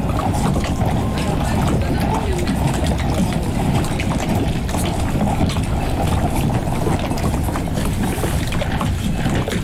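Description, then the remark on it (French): Steady wind rushes across an open microphone while small saltwater waves lap and splash, a continuous outdoor wash with no clear pauses, between the Étang de Bâche and the Étang de Doule. “Du vent, de l'eau salée.”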